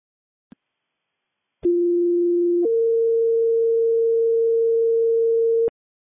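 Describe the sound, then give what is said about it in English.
Fire dispatch paging tones for Clear Creek West Fire, sent for an alarm activation at the Clear Creek County Courthouse, 405 Argentine Street: a faint click, then a steady lower tone for about a second, jumping straight to a higher tone held for about three seconds. Loud, clean and electronic, with no talking. “Clear Creek was rescued by Clear Creek West Fire sent by for tones on an alarm activation.”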